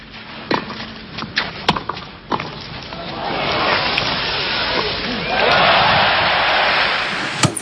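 A few sharp, isolated knocks give way to the crowd's applause and cheering for Borg at the 1980 Roland-Garros tennis final. The sound swells into a steady roar and grows louder still toward the end.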